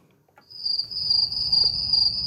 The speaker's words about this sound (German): Es summt, zirbt und blüht. Da, wo vor ein paar Jahren vor allem landwirtschaftliche Fläche war, sind zusätzlich neue Lebensräume entstanden.